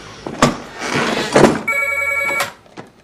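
A telephone rings at home in a single sustained, steady burst, fairly loud, preceded by rustling and a couple of dull thumps, with no one talking.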